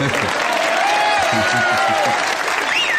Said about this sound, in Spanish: Los aplausos vienen porque me está asaltando el señor Edward G. Robinson.